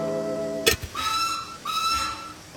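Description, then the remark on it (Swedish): A train whistle sounds in two clear, sustained blasts separated by a short gap, preceded by a brief sharp burst; the tone is bright, with no speech. It is the Sagoskogståget (Fairy Tale Forest Train), running in the middle of the night. “Men titta, det är ju Sagoskogståget.”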